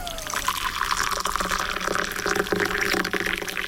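Hot water from a kettle pours steadily into a cup to make tea, a continuous splashing gurgle that rises slightly in pitch as the cup fills, with no talking over it.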